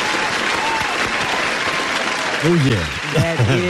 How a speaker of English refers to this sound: But first, let's start with a hand clap because today is my 250th show. Live here.